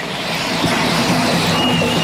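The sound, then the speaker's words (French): Steady city street ambience at a pedestrian crossing near a metro station in Rennes, with a constant wash of traffic rumble and faint mechanical hums, fairly loud and unbroken throughout, with no voices. “moi qui parle toute seule en attendant le petit bonhomme vert pour rejoindre le métro de Rennes qui me conduira à mon camion qui me saoule aussi.”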